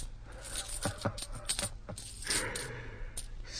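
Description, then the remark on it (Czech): Coins clink and drop in a quick, uneven flurry of sharp metallic taps, fairly loud, over a low steady hum in the background. “To je peněz.”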